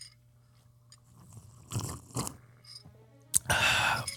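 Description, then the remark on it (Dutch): Mouth sounds of someone slurping coffee: two short wet sips, then a louder, longer airy slurp at the end, over a faint steady hum with no talking. “Onderbreek hoor je dat slurpkele.”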